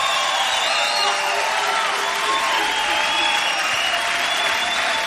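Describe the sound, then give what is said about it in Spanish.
A church audience applauds the Lord loudly and steadily, a dense wash of clapping for several seconds, with faint crowd voices and a few whoops mixed in. “¡Fuerte aplauso al señor!”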